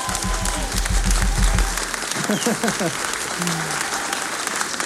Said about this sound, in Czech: Výborně! Zatleskejte si!